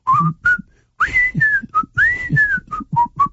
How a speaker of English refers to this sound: See, I whistle pretty well, you would have to agree, and I can't even do it.